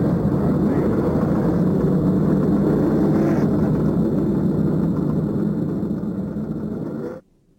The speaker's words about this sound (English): Gentlemen, start your engines. There's the command of Mary Hallman George. And the engines roar to life.